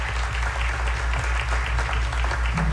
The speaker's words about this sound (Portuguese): Então, o nosso obrigado aos padres e, sobretudo, ao Monsenhor Adilson, uma salva de palmas e agradecimento.